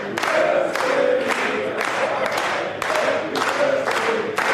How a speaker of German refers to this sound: Ja, für mich neu, dass man Happy Birthday auch klatschen kann. Aber herzlich bedankt. Danke euch allen.